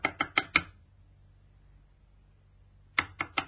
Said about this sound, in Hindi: सुनो जी, कोई दरवाजा खटखटा रहा है, देखो ना कौन है। हाँ, मैं देखती हूँ। सुनो जी, दरवाजे पर तो एक लड़की खड़ी है,